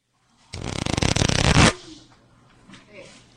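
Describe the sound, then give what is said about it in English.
A deck of playing cards is riffle-shuffled by a teenage magician, a loud rapid burst of fluttering clicks lasting about a second, followed by quieter faint background sounds. “Shuffles here.”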